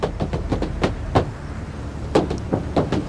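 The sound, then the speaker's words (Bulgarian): Boots stomp on the roof of a Korean car in heavy, hollow thuds, about a dozen, some landing in quick pairs. A short pause breaks the irregular rhythm, all over a low steady rumble. “е тропане на бутуши върху покрива на корейски автомобил.”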